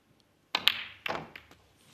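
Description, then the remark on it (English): Snooker balls knock together in a quick series of sharp clicks as a player pots a red and plays a cannon: two close hits followed by a louder one and a couple of fainter taps fading out, with no one speaking. “That's, he's okay, he's got that red that I mentioned, but he didn't judge the cannon as he wanted there.”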